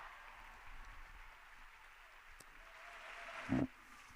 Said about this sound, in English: The applause is still going on, and we're expecting this part to take maybe half an hour.